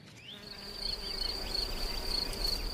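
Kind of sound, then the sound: insect, bees buzzing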